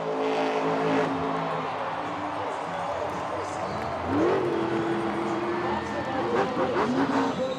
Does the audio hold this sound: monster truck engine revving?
yes